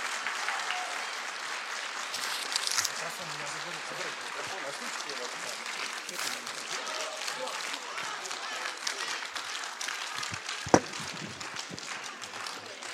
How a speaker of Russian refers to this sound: Ваши аплодисменты.